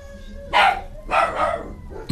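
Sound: dog barking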